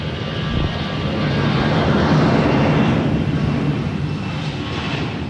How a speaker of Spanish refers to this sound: Y describir también cómo está haciendo este aterrizaje, el helicóptero que estamos viendo. Se está recuperando de un vuelo de adiestramiento el helicóptero.